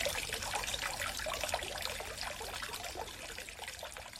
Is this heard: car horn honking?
no